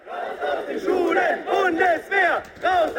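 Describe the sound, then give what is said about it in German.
A crowd of students in Germany protesting against possible compulsory military service chants loudly in unison, shouting short rhythmic phrases separated by brief pauses, with many young voices blending together and no single speaker standing out. “Eine Demo gegen einen möglichen verpflichtenden Wehrdienst.”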